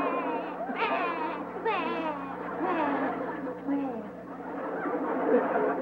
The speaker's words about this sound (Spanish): usted lo que quiere saber, porque está llorando